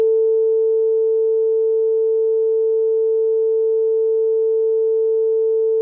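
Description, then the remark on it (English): A loud censoring beep: one steady, unbroken mid-pitched tone that holds at the same level for about six seconds, with no speech over it. “I beeped you, okay?”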